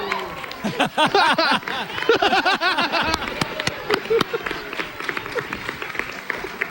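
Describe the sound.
An audience bursts into loud, sustained applause, with excited cheers and whooping voices swelling over the clapping early on before the noise eases slightly toward the end.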